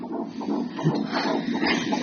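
A fetal heartbeat in an IVF pregnancy on a Doppler monitor measuring blood flow between mother and baby: rapid, rhythmic whooshing pulses over a steady hiss of static, fairly loud and continuous, with no talking.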